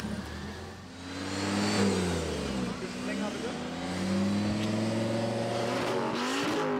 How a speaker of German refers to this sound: Besonders beliebt der Lärmtest. Drehung hoch.